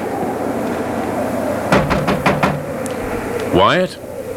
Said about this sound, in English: All right. Come along. I'll knock.